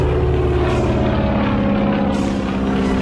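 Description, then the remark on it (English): A loud, steady propeller engine roars, its droning harmonics swelling slightly as it revs, with no voices present, as Boeing's new seaplane turns into the wind on Lake Union and lifts off on its first flight. “As the late pilot rushes up to the hangar, he's just in time to see Boeing turn the plane into the wind, gun the engine, and lift off.”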